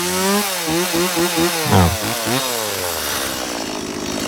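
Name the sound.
chainsaw running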